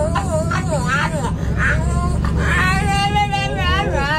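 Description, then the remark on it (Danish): A French bulldog sitting in a pram on a bus, just boarded with its owner, yowls and warbles in rising, falling, talk-like whines, continuous, over the steady low rumble of the bus engine. “En hund som prater på bussen.”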